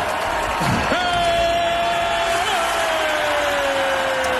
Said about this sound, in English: Everybody's cheering. It's all fun and dandy.